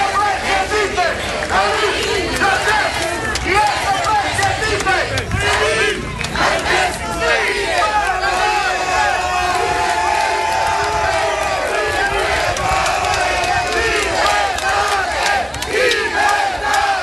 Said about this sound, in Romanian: Dimineață el venise încrezător în fața instanței, mai ales că sute de susținători l-au așteptat cu ovații pe treptele Curții de Apel București.